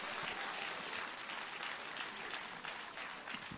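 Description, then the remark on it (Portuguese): A church audience claps steadily together to welcome a singer, a dense, continuous wash of many hands at an even volume from start to finish, with no voices standing out. “Mas como que nós vamos receber ela? Com frio ou com palmas? Com tristeza ou com alegria? Com palmas para Jesus.”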